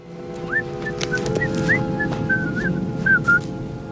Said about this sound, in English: So I came up with this theme that used the Camptown Races, which was being whistled throughout the piece. John took this creative cue from the character of Richard, who's whistling it on the beach before burying Harry up to his head in the sand.